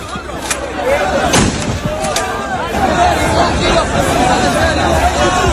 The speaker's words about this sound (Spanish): Hubo nervios, avalanchas, la policía tuvo que actuar con disparos disuasorios al aire y acabó por desalojar la zona. No disparan balas, aclaremos, es material antidisturbios. Mira, este es el sonido.